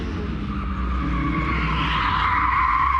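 A 470-horsepower turbocharged rally car's tires skid and squeal as they lose grip, a steady high whine that swells near the end over the deep, constant roar of the engine. No one speaks.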